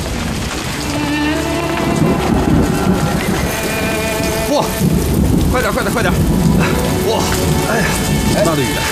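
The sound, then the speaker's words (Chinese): Heavy rain pours down loudly and without a break, a dense hissing downpour with deep rumbling mixed in underneath throughout. “哎，下雨了，咱们去前面茶铺避避雨吧。”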